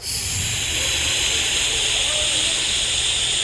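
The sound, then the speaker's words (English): Hot and cold tap water pours steadily into a bathtub with bubble bath poured in, a constant rushing hiss strongest in the bright upper range with a low rumble beneath, holding an even loudness throughout with no voices. “And then I put the cap on the empty bottle and I tossed it in the tub so it would float around like a boat, and I turned on the hot and cold water to fill up the tub.”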